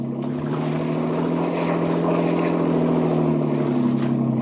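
A motorboat engine drones steadily at high revs as the boat chases another boat, a loud, continuous hum with a buzzing edge that holds even throughout, with no voices.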